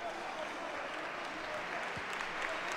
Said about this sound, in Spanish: Aplaude la afición al futbolista del Levante.